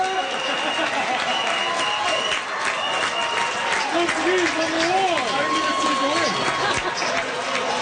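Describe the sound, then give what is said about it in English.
A dense crowd of Portugal football fans at the World Cup roars and cheers, celebrating a big comeback, with loud, continuous shouting, clapping and scattered high-pitched whoops over a steady wall of noise. “Portugal fans were celebrating a big comeback yesterday afternoon.”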